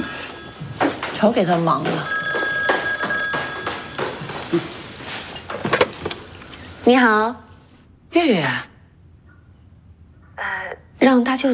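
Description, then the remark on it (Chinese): A telephone rings with a steady electronic tone beneath several people talking over one another, and then the ringing gives way to short bursts of speech. “我知道， 我接，嗯，瞧给他忙的。”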